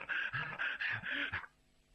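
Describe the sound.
A voice imitates the heavy panting of a stout man of nearly fifty running with his mouth wide open and tongue out, like an overheated dog: about six quick, breathy huffs in a steady rhythm, fairly loud, then abrupt quiet.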